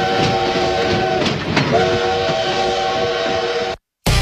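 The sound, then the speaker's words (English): A train rumbles and clatters while its horn sounds a long, steady, multi-toned blast over the rolling noise, then everything cuts to silence. “This train's left the station.”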